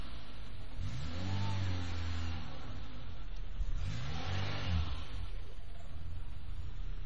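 A car engine revs up twice in short, rising bursts over a steady low rumble as the very tall car, carrying four people, slowly climbs onto the sidewalk curb. No one speaks.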